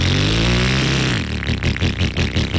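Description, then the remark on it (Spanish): An AKT motorcycle engine revs up with a rising whine, then settles into a rough, pulsing throttle burble, loud, with no voices. “Acércate a las tiendas de AKT Motos y descubre la moto perfecta.”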